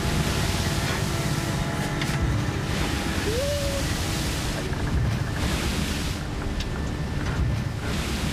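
A continuous, loud roar of rough ocean and gusting wind in a rarely visited region of Antarctica, the planet's roughest ocean, fills the scene: a dense rushing wash of surf with no pauses and a brief faint tonal squeak partway through.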